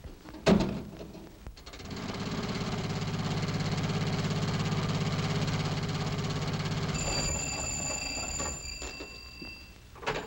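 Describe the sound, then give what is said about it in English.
An old car engine starts up after a sharp knock and runs with a steady, rattling chug for several seconds, then a shrill high-pitched ringing tone joins before the engine fades. “No, I'll take the jitney into town and get my car.”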